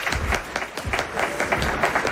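Sustained applause from an audience, a dense wash of many hands clapping steadily throughout, fairly close and consistently loud with no voices standing out.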